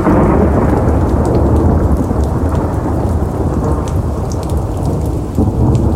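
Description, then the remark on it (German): Loud, deep thunder rumbles continuously through heavy rain pattering on surfaces, a dense storm at night among large old conifer trees, with no voices, the roar holding steady across the whole stretch. “Ein ohrenbetäubender Donner zerriss die Stille, als ich langsam die schwere, eisenbeschlagene Tür aufdrückte.”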